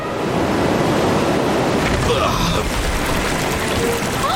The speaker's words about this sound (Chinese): 就是我们提醒过你们的暴风雨，它很快就要来了，伙计。 哦，亲爱的，我讨厌暴风雨。